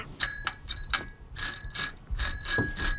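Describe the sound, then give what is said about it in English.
A child's bicycle bell rings in a rapid series of bright metallic dings, about eight strikes in quick succession, fairly loud, with a faint mechanical rattle underneath and no talking. “What is your bell sounding like right now?”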